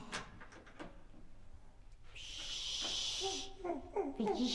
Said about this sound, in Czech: Aha, už jde. A po schodech. Takže nepřijede výtahem, ale přijde dveřmi.